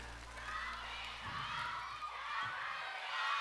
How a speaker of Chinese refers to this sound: 我们掌声给